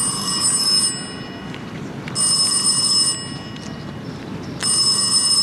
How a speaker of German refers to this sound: Während wir still zu Abend aßen, ertönte das Klingeln des Telefons.